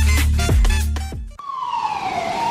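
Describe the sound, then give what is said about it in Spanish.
A loud ambulance siren of a river ambulance on a waterway wails, its pitch sweeping and then gliding steadily downward, with a low rumbling hum beneath it and no voices. “Contamos con una ambulancia fluvial disponible las 24 horas, los 365 días del año, para brindar atención médica gratuita ante emergencias”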